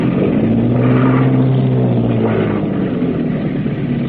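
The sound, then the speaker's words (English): Boat engines run full astern as the boat comes in to moor at a wharf in the rain, a loud, steady low-pitched roar with a droning hum that holds constant throughout, with no voices. “All back full.”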